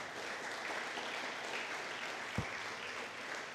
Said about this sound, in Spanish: ¿Cuántos dicen gloria a Dios al Señor? Dele un fuerte aplauso a Cristo, aleluya.